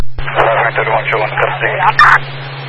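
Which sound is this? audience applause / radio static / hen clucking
radio static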